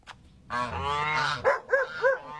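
A goose honks: one long, drawn-out nasal call followed by three short, evenly spaced honks, loud and clear with no talking.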